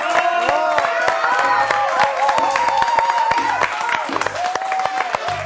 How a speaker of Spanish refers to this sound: aplauso de este programa.